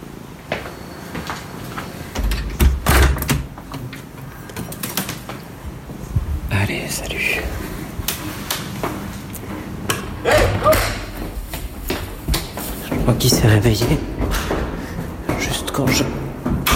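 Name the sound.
door slamming shut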